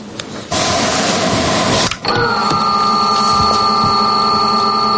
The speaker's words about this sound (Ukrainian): Ми запустили двигуни. Навчальні FPV-дрони готові до польоту. У тренувальному комплекті їх два – 10-дюймові на оптоволокні.